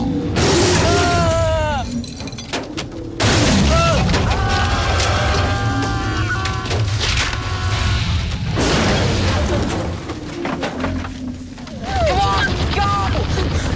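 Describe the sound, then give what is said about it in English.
A tree smashes down onto a small car perched on a branch: loud crunching impacts as the roof collapses and the windows shatter, metal groaning and creaking, in repeated violent bursts over several seconds before the car plummets to the ground with a final crash. “It collapses and the windows shatter. The tree hits the trunk again and the car plummets to the ground.”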